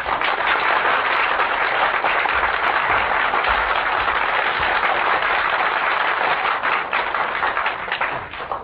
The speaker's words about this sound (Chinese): 咱们掌声请出天津这两位相声名家。